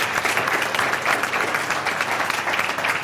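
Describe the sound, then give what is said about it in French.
An audience breaks into sustained applause for the guest, many hands clapping in a dense, steady wash that stays loud and even for about three seconds, with no talking over it. “On peut applaudir notre invité quand même.”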